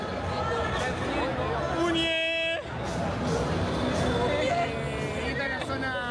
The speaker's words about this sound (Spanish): Está el muñeco acá arriba, no sé si se lo llega a ver. Está la gente acá gritándole a la muñeca.